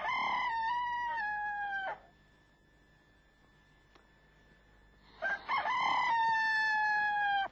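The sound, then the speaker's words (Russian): A person loudly imitates a rooster, letting out two long, strained cock-a-doodle-doo crows separated by a few seconds of quiet. “Разорался, как в курятнике.”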